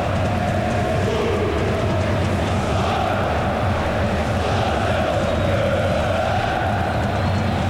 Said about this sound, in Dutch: Ja, het lawaai dat u hoort op de achtergrond komt van de aanhang van NEC.